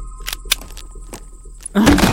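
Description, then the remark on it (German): A few sharp clicks and rattles, like a handle or latch being worked, then the door of a storage place near a small dried-up pond, where garden tools and canned food are kept, swings open with a loud creak and a rush of noise. “Ich mache jetzt die Tür auf.”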